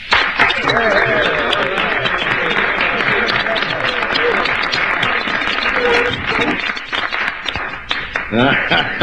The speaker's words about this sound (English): I think that we owe a big round of applause to our newest, bestest buddy and big toe, Sergeant Hulka.